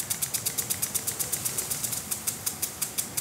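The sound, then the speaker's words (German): A river barge engine on the Rhine in Düsseldorf chugs steadily with a quick, regular ticking beat over a low rumble, with no voices. “Was genau hören wir eigentlich vom Rhein? Nicht viel. Unten Kahn.”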